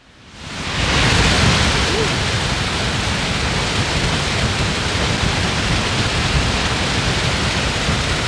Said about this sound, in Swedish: Så här har det låtit under ekot här för bara några minuter sedan när det har forsat på. Fallens dagar i Trollhättan